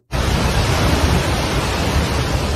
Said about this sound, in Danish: Her der hører vi lyden af de brune vandmasser, der skyllede bygninger og biler rundt. Ifølge de seneste tal, så har de voldsomme oversvømmelser og jordskred nu kostet mindst 362 menneskeliv.